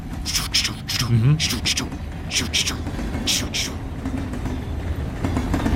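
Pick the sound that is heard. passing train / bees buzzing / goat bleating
passing train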